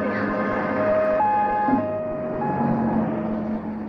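An ambulance siren wails in a steady two-tone pattern, alternating high and low pitches, loud, over a rumbling background of traffic.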